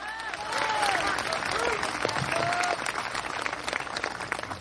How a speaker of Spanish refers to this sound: Dele un fuerte aplauso al Cristo en la gloria.